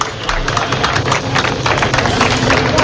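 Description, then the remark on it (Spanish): A crowd of migrants at a temporary migrant centre in industrial warehouses at El Tarajal applauds to welcome Marlaska, with many hands clapping in a dense, continuous patter that stays at a fairly even loudness throughout, with no clear voices standing out. “Bueno, pues ahí, en ese centro de temporal de migrantes, ha estado hoy Marlaska y me ha sorprendido que ha sido recibido entre los migrantes así, entre aplausos.”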